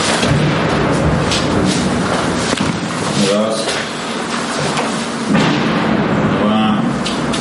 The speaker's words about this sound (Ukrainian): Раз за разом лунають вибухи.